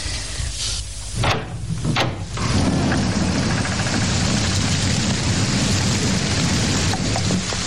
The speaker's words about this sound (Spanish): Sigue lloviendo. Me gusta la lluvia. Es un sedante maravilloso.